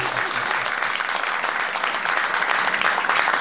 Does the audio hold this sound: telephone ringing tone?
no